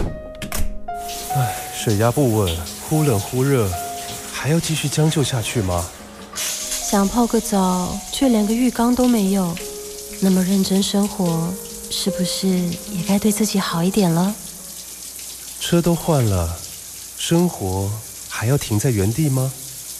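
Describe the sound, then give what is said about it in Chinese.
A steady, dense hiss of heavy rain from a sudden shower pours down without a break, while people talk over it in clear voices. “突然下雨，好狼狈哦！都淋湿了”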